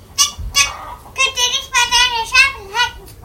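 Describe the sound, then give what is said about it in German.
A rooster-style crow sounds in several high, wavering bursts, with a longer drawn-out call in the middle, fairly loud, apparently imitated by a young voice rather than a real bird, ringing across a farmyard at daybreak. “Sein Kikeriki schallt übern ganzen Hof.”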